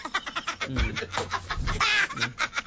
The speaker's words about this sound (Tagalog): Dagko na tong manok dati.